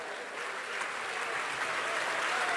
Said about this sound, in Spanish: ¿Puede darle un aplauso al Señor en esta hora?